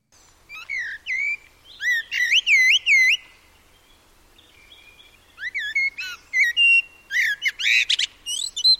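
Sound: eurasian blackbird song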